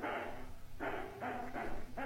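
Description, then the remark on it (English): A dog barks in a string of about five short, hooting yelps at an uneven pace, fairly quiet, with no talking over them. “if you keep barking, I'm going to turn Mr. D's radio show off and listen to someone else”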